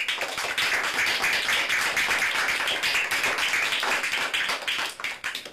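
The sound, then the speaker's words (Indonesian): Children of the TK Pertiwi 8 kindergarten in Nabire clap their hands on the program Idola Anak, a steady, dense stream of sharp, overlapping claps that keeps going the whole time at an even loudness, with no talking over it. “Mari anak-anak, anak-anak yang baik, ibu guru sayangi, tepuk tangan semua anak-anak.”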